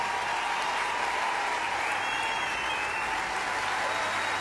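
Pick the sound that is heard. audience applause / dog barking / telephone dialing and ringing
audience applause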